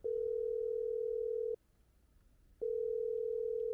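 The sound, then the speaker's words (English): A telephone ringback tone from a man's phone call after landing in Moscow, calling a recruiter: a steady electronic hum sounding for about a second and a half, pausing briefly, then starting again, with no one picking up or speaking. “And when he landed in Moscow, he reached for his phone.”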